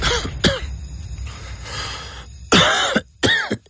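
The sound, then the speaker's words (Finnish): Several harsh coughs in short bursts: two quick ones at the start, then two louder, heavier hacking coughs near the end, with no talking. “Hei, älä suotta köhi.”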